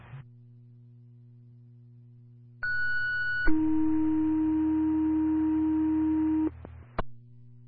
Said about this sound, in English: Camstead East Fire, weekly radio and tone test.